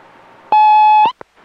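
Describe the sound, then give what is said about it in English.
A single loud, steady electronic tone of an answering machine beep holds for about half a second, then cuts off and is followed by a brief click amid faint hiss. “Am I supposed to be hearing your conversation through the answering machine?”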